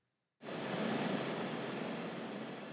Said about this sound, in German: 15 Minuten Flug über das offene Meer. Der Hubschrauber ist wichtig, um abgelegene Leuchttürme zu erreichen, die bis heute für die Schifffahrt wichtig sind.